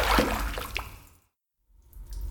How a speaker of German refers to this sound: Die Steine sind durch das Wasser so rutschig. Ich kann mich kaum mit den Füßen abstützen.